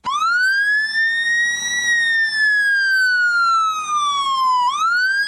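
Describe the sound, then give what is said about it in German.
A shrill siren of an emergency vehicle from an Eastern European country wails loudly, its piercing tone rising, then sliding slowly downward before sweeping sharply up again near the end. No voices. “Klingt wie so eine amerikanische Sirene von so einem Polizeiauto, kommt aber aus einem osteuropäischen Land,”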